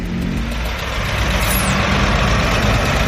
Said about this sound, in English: The road leading up to the petrol station is absolutely packed with cars. I've counted about 60, and they keep coming.